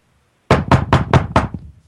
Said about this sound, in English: Hold on, guys. There's a knock at my door